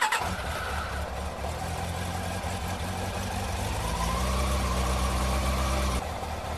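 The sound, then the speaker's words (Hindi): A motorcycle engine, taken out to carry a sick father to a doctor's clinic, kicks into life with a sharp start, settles into a steady low rumble, then the pitch climbs as it revs up and pulls away, loud. “भैया जल्दी से मोटरसाइकिल निकाल लो जल्दी।”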